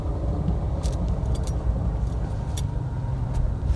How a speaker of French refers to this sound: Un autre train, hein, je ne l'ai pas caché, il y a du trafic. Ah non, ça c'est... Si, un autre. Un pendulaire.